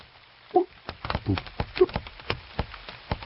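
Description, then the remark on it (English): Raindrops patter irregularly on the leaves of plants covering a sebo tree, recorded with the microphone pressed close to the leaves: a scattered series of crisp, sharp taps at uneven intervals, with a couple of brief, rounder plops standing out early and midway. “I must have looked a little crazy with a microphone, as if I was interviewing these various plants, listening to their various sounds as the rain fell on them.”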